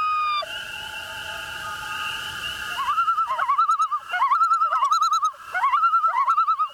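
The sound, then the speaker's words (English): A common loon calls over open water: a long, steady wail gives way to repeated warbling tremolo phrases, loud and clear, with no voices present. “Loons are able to dive so deep because, unlike most birds, most of their bones are solid.”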